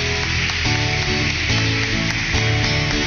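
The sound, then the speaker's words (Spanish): Loud, sustained applause after a blessing prayer for a married couple fills the whole stretch, a dense crackling wash of many hands clapping at once with no pauses, over a faint steady tonal hum underneath. “Fuerte aplauso.”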